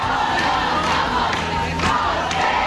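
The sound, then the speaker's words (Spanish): A large crowd of protesters camping overnight in the Puerta del Sol on a cold night, larger than on the two previous nights, produces a dense, steady roar of overlapping voices and shouts, loud and unbroken throughout, with a few sharper cries briefly rising above the din. “En efecto, la bajada de temperaturas no ha impedido que esta noche se haya juntado mucha más gente que las dos anteriores.”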